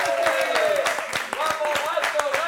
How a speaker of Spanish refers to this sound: quiero un fuerte aplauso para este gran pianista al teclado.